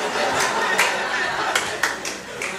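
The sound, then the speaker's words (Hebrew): A crowd applauding, with a dense, steady patter of clapping and a few sharper claps standing out, mixed with murmuring voices, heard for a couple of seconds. “איך אני אשמור את מחיאות כפיים לקטעים החלשים עוד יהיו כאלה?”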